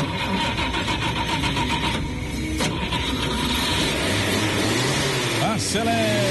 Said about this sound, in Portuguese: Lotação completa, vamos iniciar ligando o motor do nosso chevetinho.